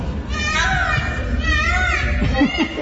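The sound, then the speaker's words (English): A young boy's voice imitates an Indian peacock call: two drawn-out, wavering wails in a row, fairly loud, over a steady low background hum. “And then the Indian peacock.”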